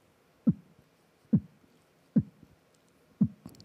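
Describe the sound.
Four deep, punchy kick-drum thumps made with the mouth, each followed by a softer echo thud, spaced about a second apart like a slow heartbeat, with no talking.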